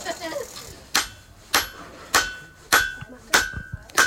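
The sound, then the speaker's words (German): A hammer pounds hot metal on an anvil during forging with six steady, evenly spaced blows about half a second apart. Each strike is sharp, leaving a brief metallic ring. “schlägt jetzt auf dem Hammer, auch so mit anderen. Und das wird jetzt halt verdrückt und ja.”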